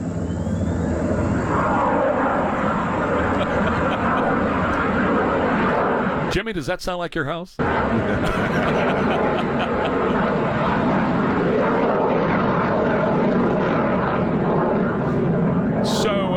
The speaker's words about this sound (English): This is overhead at Camp David. Now, anywhere the president is, there's a halo overhead, too. So you hear the private plane, single prop, probably looks like a 172, flying overhead.